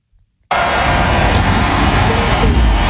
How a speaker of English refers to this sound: Right. Can you hear it? The cars are starting. You can barely hear it, but he's got his face right into the camera, and he just screams, "Vroom! Vroom!"